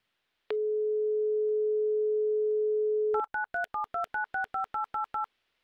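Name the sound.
telephone number being dialed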